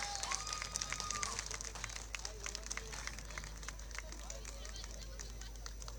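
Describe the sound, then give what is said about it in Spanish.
A crowd claps steadily for six seconds, a dense, even patter of many hands at moderate loudness, with faint voices and a brief whoop-like tone under it near the start. “Muchas gracias, un aplauso grande para ellos.”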